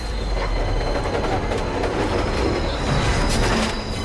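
A train rumbles steadily along the rails, a continuous loud rattling roar with a faint high metallic whine running through it, and no voices.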